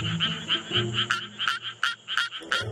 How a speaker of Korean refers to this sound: 보통 예, 청개구리가 네. 논둑 아니면 논둑 근처에서 앉아서 저렇게 노래를 해요. 네. 이게 정상적인 방법이에요. 논둑에서 앉아서 노래하는 거예요.